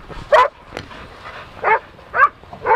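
Dogs being walked by the dog-walking firm Action Pack SF at Crissy Field in San Francisco bark and yip outdoors in four short, sharp bursts at irregular intervals, fairly loud, with a faint open-air background between them.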